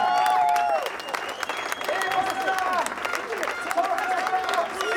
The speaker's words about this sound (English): And at this point, you can imagine Lettenbichler, such a sigh of relief. You can hear just an audible roar from the fans.